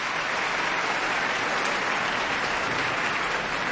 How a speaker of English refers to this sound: She's in a gown of icy blue, her hair down, Khalaf looking the warrior, in gray and brown, and they're curtsying and bowing to this cheering crowd.